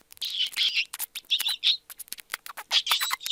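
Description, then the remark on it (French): A small gerbil, kept in a cage at a school, squeaks and chirps in quick, high-pitched bursts, mixed with short scratchy clicks and rustles, with no voices present. “Aujourd'hui, on va interroger une gerbille pour voir ce qu'elle en pense.”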